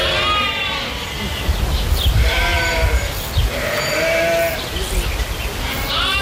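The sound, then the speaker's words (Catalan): Lambs bleat repeatedly, several overlapping cries rising and falling over a steady low background rumble, loud, like a flock calling in a pen. “I mentrestant hi ha hagut un nou robatori de xais a les últimes hores a Catalunya, aquest cop a Maçanet de la Selva.”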